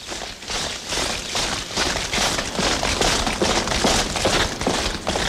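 Many soldiers' boots marching in a quick, steady rhythm across a courtyard toward a cemetery, each step a hollow thud with a slight echo, continuing evenly over a constant background hiss. No one speaks.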